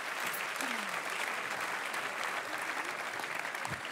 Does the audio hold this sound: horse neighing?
no